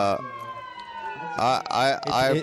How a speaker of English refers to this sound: Hold on. Let the sirens go by.